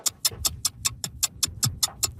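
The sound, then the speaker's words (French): A clock ticks steadily, with about a dozen crisp, evenly spaced clicks at a quick pace over a soft low rumble in the background. “Vous entendez l'horloge?”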